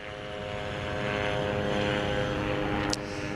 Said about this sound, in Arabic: طائرات الاستطلاع بكل أنواعها وهي طائرات مسيرة إسرائيلية تحلق في أجواء في قطاع غزة بشكل مكثف وعلى ارتفاعات منخفضة جدا، هي بشكل يومي وبشكل مكثف لا تفارق أجواء قطاع غزة وتحديدا مدينة غزة وتكون على ارتفاعات منخفضة